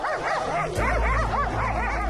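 Many dogs at a home housing about 150 dogs bark and yelp at once in a loud, overlapping chorus, with rising and falling high-pitched yips repeating throughout, over a steady low rumble.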